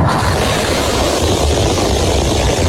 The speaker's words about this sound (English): And SpaceX launches its biggest version of its Starship rocket onto a test flight.